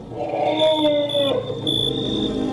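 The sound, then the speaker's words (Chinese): A herd of several dozen elephants, migrating from the desert southwest of the delta into a reserve, approaches from a distance: long, droning tonal cries that slide downward in pitch, with a thin high whine held steady above them, loud and continuous with no talking. “远处走来一群大象”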